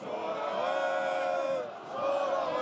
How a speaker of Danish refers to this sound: Man kan begynde at høre de her sådan suk og Der er ikke lige så mange, der råber mere eller klapper og